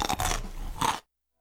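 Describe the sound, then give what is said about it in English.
A loud, crunchy bite into a pickle, with juicy crackling and chewing for about a second, then sudden silence. “grab a pickle from the West Virginia Pickle Guy. Stay crunchy!”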